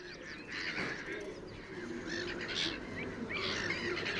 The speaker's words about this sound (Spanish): Las gaviotas reidoras, nombre científico, Croicocephalus ridibundus, forman parte inseparable del paisaje del Tajo.